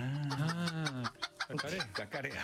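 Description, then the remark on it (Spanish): A person loudly imitates the cackle of a hen that has just laid an egg, starting with a long drawn-out vocal note and breaking into a few quick, choppy clucks. “¿Qué hace la gallina cuando pone un huevo? Anuncia.”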